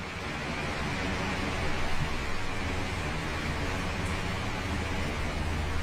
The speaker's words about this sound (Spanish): Como que se iba a llover otra vez fuerte en el techo.